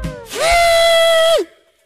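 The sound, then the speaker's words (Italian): A single musical note B (si) is played with one finger during a phone call and held for about a second, loud and steady with a bright, buzzy tone, bending slightly into and out of pitch, with no talking. “Allora glielo dico io, ha detto sì la signora, suona. Faccio il sì? Suona.”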